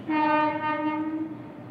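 A train crossing the roughly 1000-metre-long Malvian Bridge, below the Ganga Ghats in India, heads into the city. The bridge is one of India's oldest large railway bridges and opened in 1887. The train sounds one long, steady horn blast that fades out after about a second, over a low rumble of the moving train. No one speaks.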